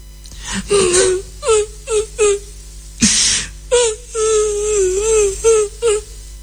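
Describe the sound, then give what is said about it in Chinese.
A voice imitates a woman crying and wailing inside a room: a string of loud, quavering sobs and drawn-out moans, broken by a brief sharp gasp midway before the wailing resumes. “他们两个人一直走到矮脚虎王英住室的门外停足站立，因为他们听见屋子里边有女人的哭声。”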